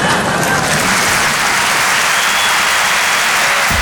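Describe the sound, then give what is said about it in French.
Steady, dense audience applause fills the whole stretch, a loud wash of many hands clapping at once with no pause or voice breaking through. “Non, n'applaudis pas.”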